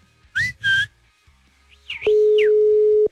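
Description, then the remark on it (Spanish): A telephone ringback tone on an unanswered phone call: one steady, mid-pitched electronic beep lasting about a second, preceded by two short rising whistled or sung chirps and some swooping high tones. “Por supuesto, vamos a marcarle.”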